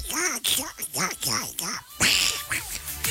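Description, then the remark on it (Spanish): A voice imitates Donald Duck as a greeting, a raspy, buzzing quack-like babble in rapid bursts, loud, running continuously for a few seconds. “Saludos a Rodrigo con la voz del pato Donald.”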